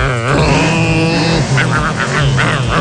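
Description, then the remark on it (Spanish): A voice imitates a revving car engine, a loud, continuous buzzing drone with pitch swells and gear-shift-like changes. “Soy un coche”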